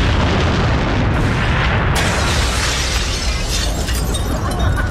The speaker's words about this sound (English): Two massive truck bombs detonated almost simultaneously outside the U.S. embassies in Nairobi, Kenya, and Dar es Salaam, Tanzania.